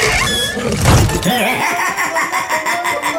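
A loud, drawn-out creaking squeak with wavering pitch as a prize box full of money is opened in a Rádio Čas game, starting with a sharp burst then grinding on in uneven pulses.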